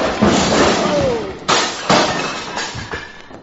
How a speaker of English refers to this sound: The way you're hitting him, he's going to fall against the bar and upset those beautiful bottles... Oh.